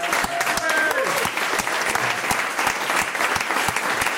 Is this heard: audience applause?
yes